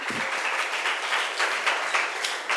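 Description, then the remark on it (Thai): A group of students in a classroom clapping for themselves in steady, dense applause that holds at an even level for a couple of seconds, with no talking over it. “ขอเสียงปรบมือให้กับตัวเองหน่อยค่ะ”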